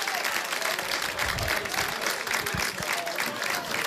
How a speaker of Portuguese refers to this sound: E agora, os aplausos são para os homens de Valenciano. Os aplausos das gentes do Âncora são para a equipa do Valenciano.